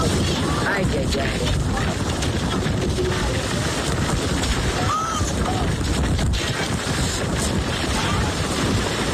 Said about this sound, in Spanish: De hecho, algunas personas grabaron cómo un velero era prácticamente destruido y quedaba en medio de la calle. Así se escuchaba.